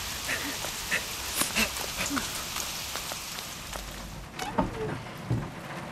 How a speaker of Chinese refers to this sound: 哥，下雨了。怎么办呀？ 走，我们去屋檐下躲躲雨。走。